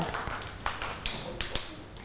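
Children clap their hands in a few scattered, uneven claps, light and fairly soft, with no one speaking over them.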